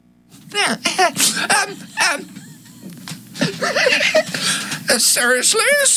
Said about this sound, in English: Oh, speaking of Radio Angela, I have an announcement of a program about, excuse me, I'd better clear my throat.